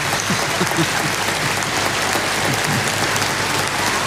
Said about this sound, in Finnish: Yleisö hurraa seisaltaan. Tää on ainutlaatuista ja hienoa.